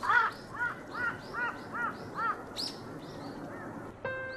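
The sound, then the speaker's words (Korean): A crow caws repeatedly in a steady rhythm, about six harsh calls spaced roughly half a second apart, followed by a higher call and a few fainter caws before a brief tonal sound; the crow has come beside eagles on a high rock to pick a fight. “괜히 옆에 와서 시비를 걸어보는 까마귀.”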